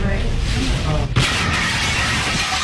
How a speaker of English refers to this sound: So they go into a local restaurant when a car crashed through the window.